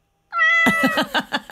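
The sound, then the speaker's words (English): A cat lets out a drawn-out meow that breaks into a quick run of rough, pulsing cries, loud and clear with no voices around it. “that was a very reluctant cat there.”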